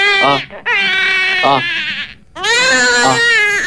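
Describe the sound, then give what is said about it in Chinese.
A newborn baby cries loudly in a delivery room in three long, high, wavering wails, each separated by a brief gasping pause for breath. “就在同一时间，产房里传来了一声婴儿的啼哭。”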